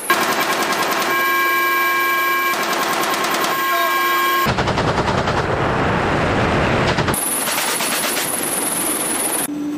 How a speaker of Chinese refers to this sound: 飞行员迅速调整编队队形，依托观瞄设备快速稳定锁定目标，灵活选择机载武器进行打击。